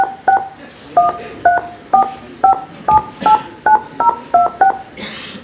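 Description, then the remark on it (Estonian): A run of about a dozen short, clean two-tone keypad beeps in a steady, slightly uneven rhythm, as a personal identification code is punched into a phone on a call to an automated police line, with a brief burst of hiss at the end. “pärast helisignaali sisestage oma isikukood .”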